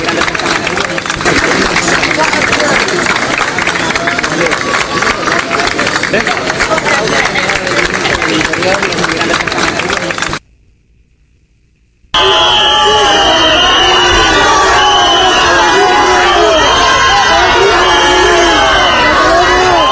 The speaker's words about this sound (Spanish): Marlaska, aplaudido por los invasores y silbado por los españoles